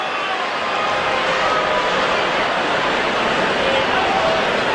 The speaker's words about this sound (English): A throw over to first base and back without a tag, Nico Horner. And I think Libertor did that just to hear the crowd boo. Oh, I think so.